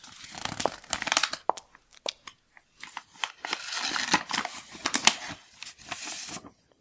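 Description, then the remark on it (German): A paper letter unfolded with a run of crisp crinkles and rustles, irregular bursts of crackling over several seconds, fairly quiet, with no voices. “Ah, ein Brief.”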